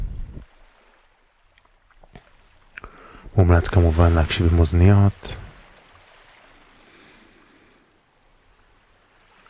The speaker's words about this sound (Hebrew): אז בואו נשים לנו קצת ככה את השכבה הראשונה של צלילים של הים. כבר ברקע.